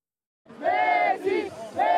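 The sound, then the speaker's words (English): A large stadium crowd of Argentina football fans at Dallas Stadium roars and chants together as Lionel Messi plays in a World Cup match, a loud sustained wall of voices with rising cheers and shouts, continuing without a break. “Dallas Stadium was a cauldron of noise and a sea of blue and white as fans saw Lionel Messi make more history for Argentina.”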